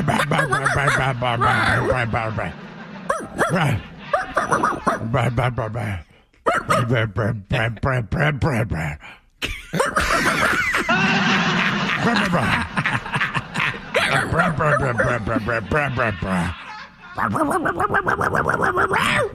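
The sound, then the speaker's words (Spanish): People on a show trade exaggerated barking and yapping noises back and forth with their voices in a mock barking fight, loud, in rapid bursts with brief pauses, mixed with some laughter. “nos vamos a pelear a ladridos.”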